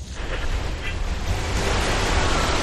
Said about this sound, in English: Oh man, it's raining heavily and I can't see the road.